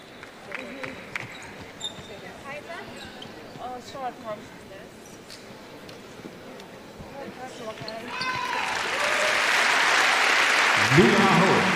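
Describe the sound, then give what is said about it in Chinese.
An arena crowd applauds player Aho as he gets back up after a hard collision in the first quarter of a game involving Hungary, the clapping swelling from a murmur into a loud, dense wash in the last few seconds, while a commentator talks over the scene and shoe squeaks chirp earlier. “阿霍重新呢站起来，现场的观众也被他送上掌声。”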